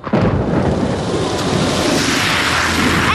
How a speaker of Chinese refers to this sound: 你这车怎么开的呀？你溅我一身水，你给我回来！ 哎，你这摩托车要飞啊，溅我一身。